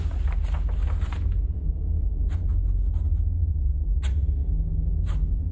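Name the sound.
pencil sketching on paper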